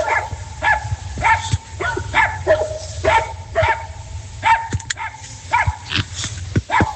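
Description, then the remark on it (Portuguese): Several dogs bark repeatedly in overlapping bursts in a square in Cedro, a steady chorus of yaps and barks with a low rumbling background, loud throughout. “Esses cachorros moram em alguma casa?”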